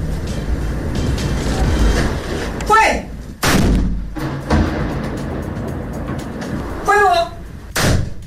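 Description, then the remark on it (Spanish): Two loud cannon blasts boom out about four seconds apart, rehearsal shots of the traditional noon cannon fired from Santa Lucía Hill in Santiago, each with a sharp crack and a rolling decay, over a steady outdoor background rumble with brief voices. “Lo que escuchamos son los ensayos para el regreso de una tradición, la tradición llamada el Cañonazo de las 12, que se emite del Cerro Santa Lucía en la ciudad de Santiago.”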